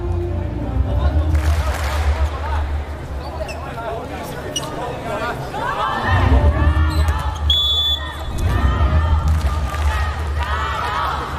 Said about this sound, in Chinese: 今天呢，在波兰站，我们现场还是听到很多观众来给球队加油。